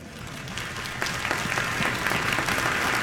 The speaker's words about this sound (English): This guy, look at him. You should be clapping for that guy.